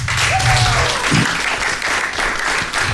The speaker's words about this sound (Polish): na wokalu, wielkie brawa.